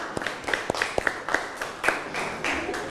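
A group claps for group 5, a quick, uneven patter of sharp hand claps lasting a few seconds at a moderate level, with no one speaking over it.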